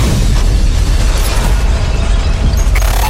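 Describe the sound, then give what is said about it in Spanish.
A loud, sustained explosive roar as flames reach gasoline tanks at a refinery at night, with heavy low rumble filling the whole stretch, steady, with no voices. “Las llamas llegan a los tanques de gasolina. Hay una fuerte explosión.”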